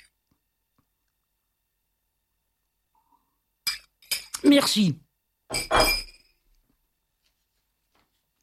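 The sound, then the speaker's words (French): A few sharp glassy clinks and clatters as a glass is handled while a speaker drinks some water for a frog in the throat, with a brief spoken word in between, after several seconds of silence. “Excusez-moi, je vais boire un peu d'eau, j'ai un chat dans la gorge.”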